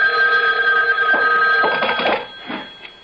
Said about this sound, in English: A phone. At this hour? I'll get it.